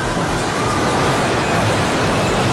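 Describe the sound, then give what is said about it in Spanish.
An airport building in Pereira collapsing during an earthquake, its roof caving in: a loud, steady roaring rumble with a deep low-end churn and harsh hiss on top, continuous for a few seconds with no voices. “El ruido que empieza a derrumbarse.”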